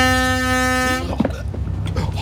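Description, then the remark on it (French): A ship's horn gives one loud, steady blast lasting about a second as the ship heads straight toward fishermen, a rich buzzing tone that cuts off abruptly, followed by indistinct voices and background rumble. “Un simple coup de sirène et la barre à tribord.”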